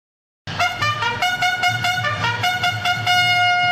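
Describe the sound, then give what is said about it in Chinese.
A loud military bugle call rings out as the first direct high-speed train from Ruijin to Yan'an departs Ruijin station at 11:02 on 6 September, a bright, brassy run of held notes that step up and down in pitch every half second or so, over a low steady rumble. “伴随着嘹亮的军号声，9月6号上午11:02，瑞金直达延安的首趟高铁列车准点从瑞金站驶出。”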